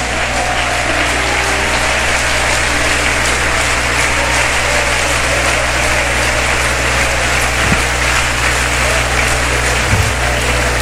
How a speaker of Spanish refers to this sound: Alguien puede aplaudir al Rey de Gloria en su casa.